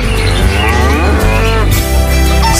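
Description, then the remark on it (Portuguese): An ox lets out a loud, drawn-out moo, its low voice wavering and rising before trailing off over a steady low rumble. “Sai pra lá, boi velho.”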